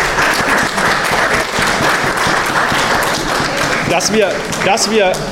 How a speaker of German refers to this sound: Also nochmal ganz, ganz großes Dank an alle Vereinsmitglieder. Das ist ein Applaus, glaube ich, wert.